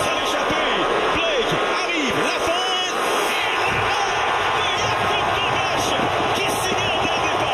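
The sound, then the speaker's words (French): A big arena crowd at a match in the Centre yells and roars loudly without a break after a big save, scattered whoops and shouts rising over a dense, steady wall of voices for several seconds. “Ça, pour moi, c'est le seul moment du match où est-ce que les gens ont pu crier dans le centre.”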